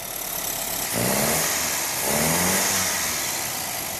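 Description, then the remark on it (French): A complete 1300 cc car engine, with radiator and exhaust just fitted, runs in a workshop with a steady low rumble, then revs up twice in quick bursts around the one- and two-second marks before settling back. No one speaks. “À l'atelier, une fois le radiateur et l'échappement posés, Fuzz peut entendre pour la première fois la voix du moteur complet avec ses 1300 cm3.”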